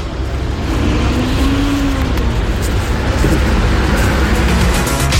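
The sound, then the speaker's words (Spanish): Steady street traffic at Avenida Francia and Chacabuco in Valparaíso, with the engine of a double-parked car with its hazard lights on rumbling, a continuous low droning wash of vehicle noise that stays loud throughout, with no voices. “Nos envió un video donde se ve un auto en doble fila, gatos encendidos, y le da lo mismo.”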